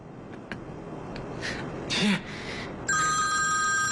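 After a few soft rustles and breathy sounds, the grandfather's telephone starts ringing partway through with a call from Mayor Hao, a steady, bright electronic trill that continues fairly loud to the end.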